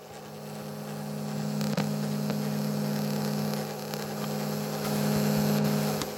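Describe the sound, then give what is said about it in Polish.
A steady mechanical whir with a low motor hum runs continuously, with a few faint clicks and ticks scattered through it: the tape transport mechanism of a cassette deck running, recorded by a Zoom recorder placed in the open cassette compartment. “Teraz nagrałem szum mechanizmu.”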